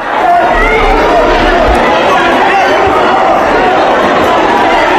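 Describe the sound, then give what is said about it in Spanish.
A large, dense crowd at Madrid's Barajas airport roars continuously, welcoming arriving Spanish activists with cheering, shouting and applause blending into a loud, steady wall of sound, many voices overlapping without any clear words. “Y así, con aplausos y grito de valientes, fueron recibidos en Madrid, en Barajas.”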